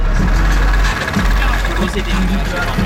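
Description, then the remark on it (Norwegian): A small moped car engine is started and idles with a steady low rumble and a slightly rattling vibration, while indistinct voices sound faintly in the background. “Bilmotoren durer og det rister godt fra bassen.”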